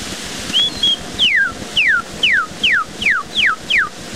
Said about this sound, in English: Kentucky Cardinal or Redbird.